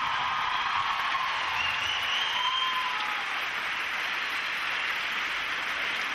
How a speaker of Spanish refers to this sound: Un aplauso grande primeramente para Dios. Un aplauso grande para ustedes. Y después otro aplauso muy especial para todos mis músicos que me acompañan esta noche.